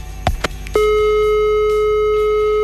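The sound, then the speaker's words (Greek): A couple of quick clicks on a phone line as a caller's call drops, then a loud telephone busy tone drones steadily and unbroken until the end, with no talking. “Τον χάσαμε.”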